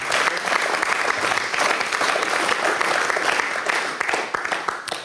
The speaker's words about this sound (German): Applaus für Robert Stadlober.